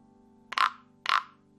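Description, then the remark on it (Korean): Two short, raspy tree frog croaks about half a second apart, fairly loud against a faint, steady background hum. “개구리는 목 놓아 울었어요.”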